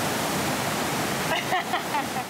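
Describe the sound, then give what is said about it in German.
Steady, dense rush of churning water from an artificial indoor surf wave in a department store in Osnabrück, set to its smallest wave, loud and continuous, with faint voices briefly surfacing near the end. “Kann man die Welle nicht ein bisschen kleiner einstellen? Das ist schon die kleinste Welle.”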